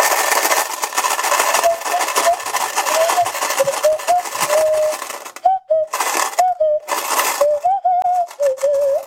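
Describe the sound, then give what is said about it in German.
A thin, wavering nose flute melody plays over a continuous loud rattle of small change shaken in a white-and-blue case; the shaking breaks into short bursts with brief pauses toward the end. “Und das Tollste an meiner Performance mit der Nasenflöte ist, ich begleite diese von mir geschöpfte Performance auf der Nasenflöte mit dem weiß-blauen Koffer, in dem sich Kleingeld befindet.”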